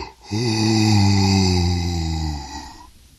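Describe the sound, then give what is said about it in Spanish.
A voice imitates how animals yawn on waking in their nests at first light: one long, loud, drawn-out vocal groan whose pitch slowly falls over about two seconds, then trails off into a breathy exhale. “Y luego de dormir en tan delicioso lugar, se despiertan con la luz del nuevo día, con las canciones de sus vecinos, los pájaros, y bostezan así.”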